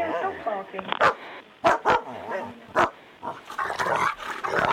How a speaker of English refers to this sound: Dog picked the phone up. Hello? Has the dog picked the phone up? He's barking down it.